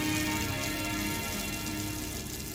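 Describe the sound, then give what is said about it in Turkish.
Steady, dense hiss of heavy rain showers pouring down at Fuji, Japan, on the day of the Japanese Grand Prix, loud, with a constant wash that doesn't let up and no voices. “Bugün Fuji'de aralıklarla yağacak sağanak yağmurun yanında sert rüzgarların ve dağdan gelebilecek yer yer sisin olması bekleniyor.”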